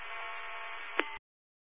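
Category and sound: signal or alarm, building alarm going off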